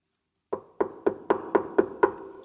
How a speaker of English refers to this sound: When Frisky returned to his warm, cozy treehouse after a winter walk, Spotty, the great spotted woodpecker, sat in front of the door. Spotty thought that Frisky must be at home and desperately knocked on the door.